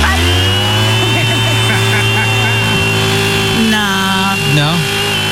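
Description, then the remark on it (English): A steady, loud motorized whooshing drone like a leaf blower runs throughout, continuous, with its pitch wavering and shifting toward the end. “Yeah, maybe it's more like a leaf blower.”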